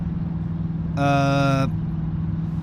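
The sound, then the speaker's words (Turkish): A car engine hums steadily, a low continuous drone throughout, briefly overlaid by a loud, bright, horn-like tone lasting under a second. The car is being driven without its keys. “Anahtarsız bir arabayı sürüyorsun.”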